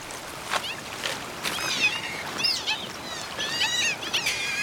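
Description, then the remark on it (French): A Eurasian otter gives a run of shrill, squeaky whistles, rising and falling and repeated in quick bursts, at night by a flooding river in the Normandy countryside, France, set against a steady hiss of hours-long rain and running water. “Ça serait une loutre d'Europe que ça ne m'étonnerait pas.”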